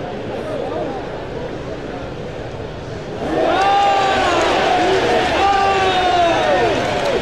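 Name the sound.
stadium fans cheering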